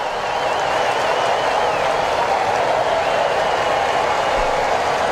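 A big baseball stadium crowd cheers for pitcher Sale during a bases-loaded jam in a steady, unbroken roar, with a thin high whistle rising above it during the first couple of seconds. No one speaks over it.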